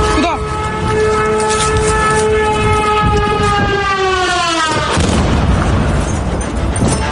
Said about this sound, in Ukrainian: Саме під таку атаку на локації, де загинула Вероніка, потрапила і наша знімальна група. Російський дрон вибухнув поруч із моєю колегою